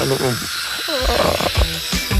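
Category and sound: tool, dentist's drill whirring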